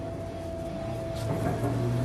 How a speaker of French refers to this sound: J'ai des hallucinations auditives ? Ou vous entendez aussi un moteur qu'on pousse à fond ?